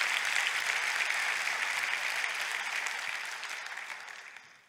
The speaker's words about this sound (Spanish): Gloria a Dios. Date un aplauso a tú mismo.